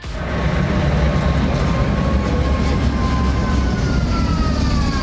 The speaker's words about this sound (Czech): Prahou nově jezdí speciální tramvaj připomínající Václava Havla.